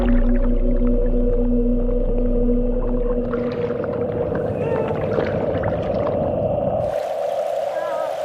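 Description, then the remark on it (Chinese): A harbor seal pup calls for its mother in a long, wavering, mid-pitched wail with a loud, continuous tone, over a low watery rumble that cuts out near the end, leaving a soft hiss. “港海豹妈妈终于听到了幼崽的呼唤，就在身体接触到的那一刻，这对母子马上认出了彼此。”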